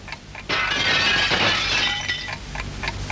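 An object knocked off a table by a cat crashes and shatters loudly downstairs, a burst of breaking glass followed by scattered tinkling fragments settling over a couple of seconds.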